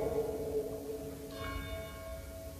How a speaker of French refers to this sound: Ah, on a les cloches, mais je vais réussir à parler pendant.